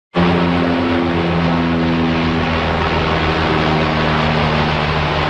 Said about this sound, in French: Vous reconnaissez le bruit d'un avion, mais là, c'est pas n'importe quel avion, c'est celui d'un Canadair. C'est le vol d'un Canadair au-dessus des feux qui ravagent en ce moment la vallée de l'Okanagan en Colombie-Britannique.